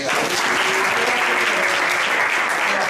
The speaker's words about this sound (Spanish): Un aplauso.